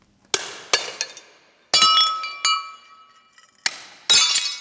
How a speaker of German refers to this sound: Sudarshan Shetty sitzt am Boden eines großen Saals im Koblenzer Ludwig-Museum und zerschlägt mit einem Hammer Dutzende Tassen und Teller aus Porzellan. Sie sind Teil einer Installation, die er gerade anfertigt.